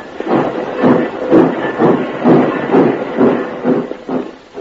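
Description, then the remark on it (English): A tiny locomotive in a congested railroad yard chuffs in a steady, even rhythm, about ten puffs in quick succession, moderately loud with a hissing edge, and no voices. “Congestion on every track, and only one tiny locomotive to do the work.”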